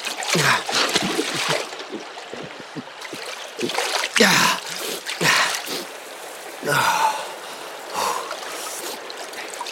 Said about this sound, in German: Das Wasser tränkte seine Kleider, als er den Kopf unter die Oberfläche tauchte.